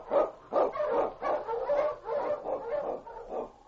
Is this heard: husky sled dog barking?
yes